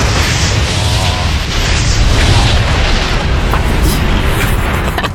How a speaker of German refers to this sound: Explodiert bei dem Start.